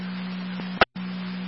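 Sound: radio dispatch alert tone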